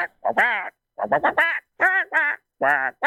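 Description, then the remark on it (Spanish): A person imitates the voice of Donald Duck, as an entry for the best Donald Duck voice, in a string of raspy, buzzy quacking bursts, loud, grouped in quick clusters with short pauses between them. “No califica como la mejor voz de Pato Donald.”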